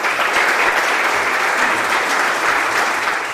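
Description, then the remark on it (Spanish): Political representatives, members of civil society and family members in a hall clap steadily and loudly after a speech, for about two minutes in all, a dense, unbroken wash of many hands that holds at the same level throughout with no pause or voices rising above it. “Pois estes aplausos que escoitamos foron tamén moi simbólicos porque duraron alrededor de 2 minutos aproximadamente.”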